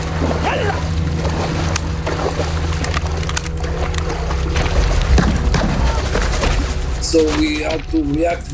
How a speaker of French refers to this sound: Donc nous avons dû réagir très vite. Ils nous tiraient dessus, ils tiraient sur les bateaux.